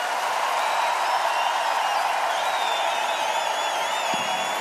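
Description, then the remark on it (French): A large crowd applauds steadily and loudly throughout, a dense unbroken wash of clapping with shrill whistles rising above it. “Un tonnerre d'applaudissements pour vous.”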